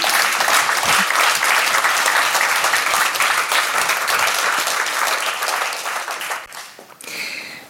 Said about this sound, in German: Applaus für euch. Dankeschön.